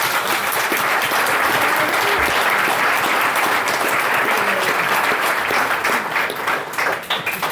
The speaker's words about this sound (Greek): Και θέλω ένα μεγάλο χειροκρότημα